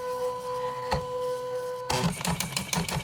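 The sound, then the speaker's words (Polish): A printer works on an inserted sheet after its lever is lowered, printing something despite a software error: a steady electric hum with one sharp click, then a loud burst of rapid, rattling mechanical printing strokes in an uneven rhythm. “Coś wydrukowało, zaraz zobaczymy co, jakieś...”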